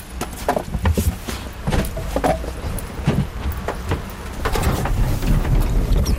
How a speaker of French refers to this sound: On remarque que le moteur part en quart de tour.